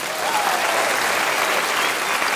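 Steady, dense applause from a crowd fills the whole stretch at a fairly loud, even level, a continuous wash of many hands clapping without pause.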